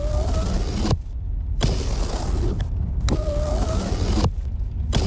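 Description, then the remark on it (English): Car power windows whir up and down repeatedly as someone plays with them, four motor runs of about a second each, separated by sharp clunks as the glass stops, over a steady low engine rumble. “Oh, can you please just stop playing with the windows?”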